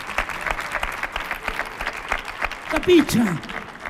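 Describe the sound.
An audience applauds steadily, a dense, loud patter of many clapping hands, with a brief voiced shout or cheer rising above it near the end.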